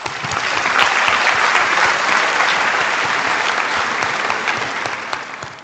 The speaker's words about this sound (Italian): Io invito qui al podio anche Alessandro Onorato, che è assessore al Comune di Roma e grandi eventi, sport e turismo. Un applauso.